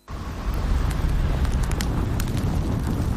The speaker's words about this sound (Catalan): Foc és foc. Evitar una catàstrofe està a les teves mans.